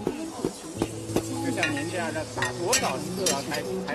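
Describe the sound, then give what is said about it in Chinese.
A woman in Zhuang dress pounds tea leaves, perilla, garlic, ginger and peanuts in an iron wok with a wooden mallet to make oil tea at the Hezhou, Guangxi pavilion of a tea expo: sharp, irregular thuds, several strikes close together, over a steady murmur of voices and scraping. “身着壮族服装的大妈将茶叶、紫苏、大蒜、生姜、花生等放入铁锅中，用木锤用力地反复敲打着。”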